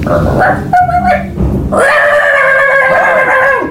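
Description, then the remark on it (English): A person loudly imitates a dog, the character Duke, with a few short yipping barks followed by a long, strained, howling bark held for about two seconds, forceful. “Because he was barking very loud.”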